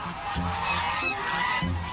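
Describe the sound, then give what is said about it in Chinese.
A flock of Lion-head geese honking repeatedly in overlapping, nasal calls, fairly loud, on a goose farm in Chenghai, Shantou, China, with a busy background of more birds calling throughout. “狮头鹅，头部的肉瘤发达，呈狮头状，再加上庞大的体型，被称为世界鹅王。”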